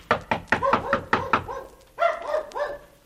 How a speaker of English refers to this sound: Gee, I didn't mean to knock so loud.